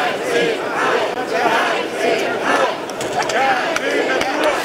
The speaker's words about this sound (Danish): Ja til natur, nej til hegn, bliver der blandt andet råbt af dem, som er utilfredse med, at et 22 km langt hegn, som skal holde elge, krondyr og kastrerede tyre inde i parken.